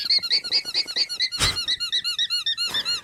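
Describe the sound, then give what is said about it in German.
A rapid series of short, high, squeaky bleats from an alpaca, repeating in a steady pulsing rhythm, with a brief louder burst of noise midway. No one speaks. “Naja, es ist keine Hupe vom Tabuspiel, es ist wirklich ein Tier, das ist ein Alpaka.”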